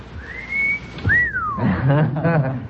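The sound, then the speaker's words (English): A two-part wolf whistle, a rising note followed by a swooping rise-and-fall, loud, after which people start talking. “A wolf whistle.”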